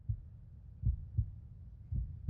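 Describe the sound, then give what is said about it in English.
Cooper's heartbeat, soft and muffled, thumps low and steady, its deep beats falling in a slow, regular rhythm with quiet gaps between them and no voices. “Hearing his heartbeat, Cooper looks down and sees a pulsing pink glow shining through his chest.”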